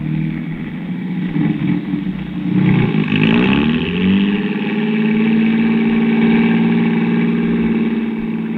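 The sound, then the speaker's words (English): A car engine hums steadily, rising in pitch as it revs up around the middle, then settles into a smooth, sustained drone as the vehicle drives along the street toward a Meyer's drugstore a few blocks away, fairly loud. “Well, come on, let's get in the car.”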